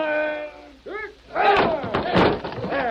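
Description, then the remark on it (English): A door being smashed in by several people together: several heavy, booming thuds land in quick succession, mixed with raised, shouting voices. “Wait. We'll smash the door.”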